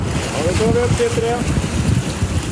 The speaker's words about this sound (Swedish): Forskningsfartyget Svea vinschar en blåsig tisdag morgon upp en ställning med tuber ur havet efter att ha hämtat vattenprover från olika djup.